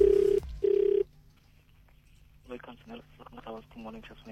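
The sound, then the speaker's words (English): A WhatsApp phone call placed to a random person rings twice through an earpiece, two steady electronic tone bursts, then a brief quiet pause before a person starts talking. “This is where I phone up a random person, ask them ridiculous questions, all for the sake of South Africa, and we see what sort of answers we get.”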